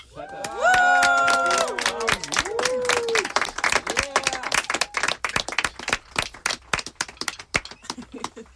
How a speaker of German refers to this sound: Einmal bitte Applaus.